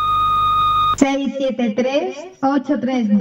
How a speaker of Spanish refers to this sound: Este es el contestador automático de Rebote FM. Deja tu mensaje al oír la señal.